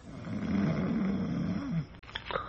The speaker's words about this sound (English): From behind the curtain and the other bed in the room, from the big, heavily muscled aged man in it, comes a rhythmic and ear-shattering snore.